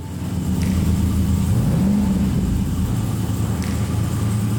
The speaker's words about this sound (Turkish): Lastikleri serbest bırakmak üzereydi. Kendi kendine rastgele hızlanan bir arabaya hiç binmedim. Bu inanılmaz tehlikeli olabilir.